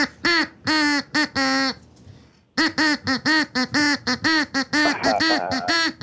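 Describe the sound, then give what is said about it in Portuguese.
A duck quacks in a rapid, rhythmic string of loud, nasal honks, pausing briefly before resuming, the quacks rising and falling as if following a tune. “Tá, então atenção, pato. Preparado, pato? Tá, então canta, pato.”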